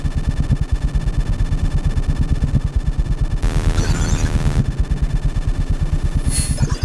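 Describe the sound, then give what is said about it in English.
Loud, steady electrical hum with a fast pulsing buzz, layered with harmonic whine; a brighter burst of hissing static rises in the middle, and a high-pitched squeal flares near the end. The pure sound of electricity from everyday devices such as power supplies, clock radios, CD players, televisions, lamps, fans and an electric toothbrush, amplified in real time. “Everything you have heard so far, and everything you will hear, is the pure sound of electricity, is our sonic vocabulary.”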